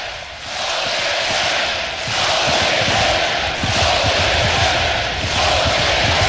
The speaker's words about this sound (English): Well, hard to stay within yourself when you got this many people cheering you on.